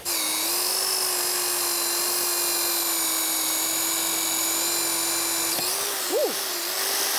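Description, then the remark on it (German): A power drill whines steadily at a high, constant pitch as it bores a hole into a tree trunk, then briefly dips and rises in pitch near the end as the bit stops and restarts. “Ach, die Spitze ist noch dran. Na bitte, ein Loch.”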